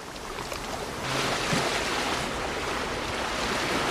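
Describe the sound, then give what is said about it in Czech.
Rough sea surf in a strait churns steadily with a strong, strengthening wind roaring over it against a strong ebb tide, swelling louder after the first second and staying dense and continuous, with no voices. “Vítr byl stále silnější a ke všemu se úžinou hnal právě proti němu silný odliv. Moře proto bylo úskočné a zrádné.”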